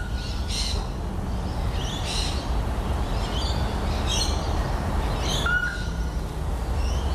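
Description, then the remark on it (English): A pale-vented bush hen calls in short, repeated bursts, each a few seconds apart, early in the morning at Burleigh Heads, recorded on a phone, over a steady rumbling background of wind or other noise. The calls sound harsh. “I feel like that vented bush hen is going too quickly for mine. Mine's like spaced out.”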